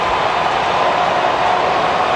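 A large crowd of Braves fans at a baseball game cheers and roars after the Braves take a 5-2 lead in the seventh inning, a steady, dense wash of noise that stays loud and unbroken for the whole stretch, with no single voice standing out.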